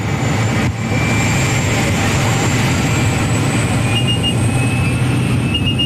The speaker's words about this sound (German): Zusammengequetscht wie Sardine in der Büchse hocken wir mit etwa 10 anderen Leuten in farbigen Ganzkörperanzügen in einem munzigen Flugzeug. Es ist dermassen laut, man versteht fast das eigene Wort nicht.